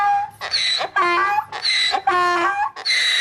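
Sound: donkey braying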